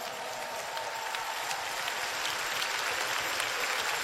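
A large audience at a Los Angeles convention center applauds steadily for the word of the Lord, a dense wash of many hands clapping at once that holds strong and even throughout, with no voices standing out.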